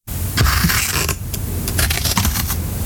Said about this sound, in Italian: Stavo tagliando la carta con le forbici. Ma sì, sta tagliando la carta, il cartone, va bene.